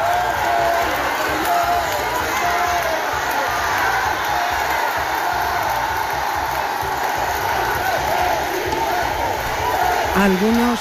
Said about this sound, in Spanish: Casi media hora de saludos a los miles de ciudadanos que se han lanzado a la calle para darles la bienvenida. Vítores y aplausos que han aumentado cuando Felipe VI y Leticia han salido al balcón del ayuntamiento.